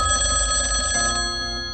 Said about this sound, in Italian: È mezzanotte e squilla il telefono.